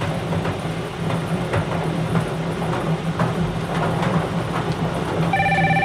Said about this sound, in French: Alors, encore le téléphone sonne.